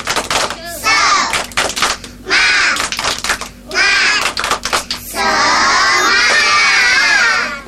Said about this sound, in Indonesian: Tepuk semangat.